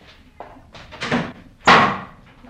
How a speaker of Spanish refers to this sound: Y mi hermanita salió... Ella también dando un portazo.